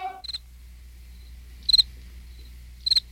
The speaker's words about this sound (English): The chirp of a cricket.